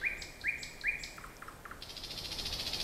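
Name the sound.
nightingale song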